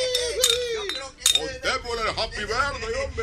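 Glasses clink together a couple of times, short bright rings that stand out over steady chatter and voices at a birthday party in a house, as glasses of drink are handed out.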